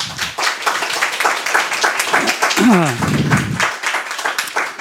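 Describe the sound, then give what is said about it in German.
A crowd applauds steadily to welcome a speaker at Radio Maria's Long Night of the Church, dense overlapping claps throughout, with a brief voice calling out in the middle of the clapping. “Ein herzliches Willkommen und einen großen Applaus.”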